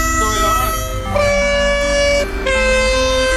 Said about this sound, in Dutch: Een trein. Komt een trein voorbij. Hoor je dat? Allemaal die mooie toeters.